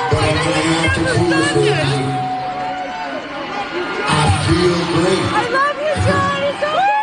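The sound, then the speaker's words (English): A large, loud concert crowd screams and cheers continuously for a band, with whoops and shouts rising over a dense wall of voices, swelling again in bursts throughout. “If you can't hear the audio, it wasn't great, and people are screaming because they love him still and love the band still.”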